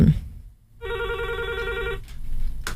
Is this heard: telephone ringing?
yes